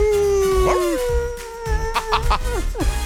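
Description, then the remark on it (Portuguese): A long, sustained werewolf howl holds steady, then drops away. Several shorter wavering howls and yelps overlap after it, loud, with no talking. “Cadê o uivo oi, do lobisomem? O uivo do lobisomem.”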